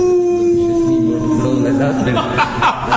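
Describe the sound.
A person lets out a loud dog-like howl at the moon, a long sustained tone that slowly sinks in pitch before breaking into shorter rough vocal bursts.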